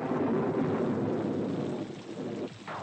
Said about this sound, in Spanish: Es de noche y llueve.